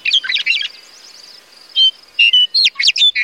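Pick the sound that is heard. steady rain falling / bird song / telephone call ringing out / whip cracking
bird song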